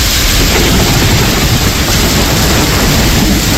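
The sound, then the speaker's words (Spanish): A loud, continuous rumble of thunder from a strong overnight storm in Valencia, Spain, with heavy low-end weight and a broad hiss layered over it, holding steady without pause for the whole few seconds. No voices. “Que las fuertes tormentas como esta de anoche en Valencia han estado desgarrando buena parte de la noche en toda la costa mediterránea, desde Cataluña hasta Almería.”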